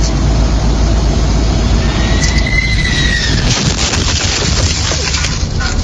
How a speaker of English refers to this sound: What's that sound like to you? An airplane. Sound like a bomb. Like yeah. Right? But you are right. It was a United Airlines jet that came down, and the landing gear hit the bakery truck.